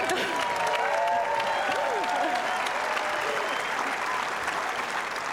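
Sustained, dense applause from a large tennis crowd after a match, steady and loud throughout, with some cheering and voices mixed in beneath the clapping.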